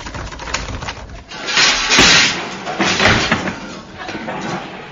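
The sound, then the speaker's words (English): A stuck door that won't budge, blocked by junk from the lavatory roof, is pushed and thumped several times, with heavy knocks and rattling scrapes at irregular intervals, loud, and no voices. “Hey, what's the matter with the door? Won't budge.”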